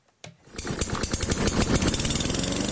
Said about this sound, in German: Der Rasenmäher. Sein Einsatz sorgt stets für Lärm und unterschiedsloses Kürzen. Von Gras meistens.